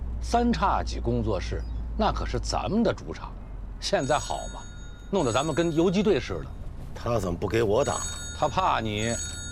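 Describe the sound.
A telephone rings steadily beneath a man's conversation, its bright repeating tone sitting behind the voices for most of the stretch.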